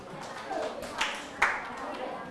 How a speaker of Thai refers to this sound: ปรบมือให้เพื่อน